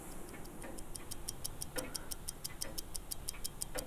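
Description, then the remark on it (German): Steady, rapid ticking of clocks fills a quiet watch manufactory workshop in Pforzheim, among historic machines, engraving tools and workbenches, with faint clinks and soft room noise underneath; no one speaks. “Und doch erwacht sie hier erst zum Leben, in einer Uhrenmanufaktur in Pforzheim.”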